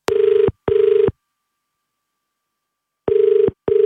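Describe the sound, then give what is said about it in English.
A telephone ringback tone on an outgoing call placed by a radio station in Australia: two short electronic trills, a long pause, then another double burst, steady and clear with no one talking. “We're calling him for the very first time in a long time. His name is Albert. Let's hope he answers the phone.”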